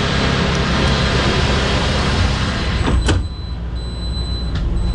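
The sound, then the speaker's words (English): The big sliding glass door of a sleek, futuristic vehicle, like an all-electric delivery truck, on a manufacturing plant's floor glides shut with a brief whoosh and soft thud, after which the steady background rumble of the working shop outside drops noticeably quieter. “You can listen how good these doors work.”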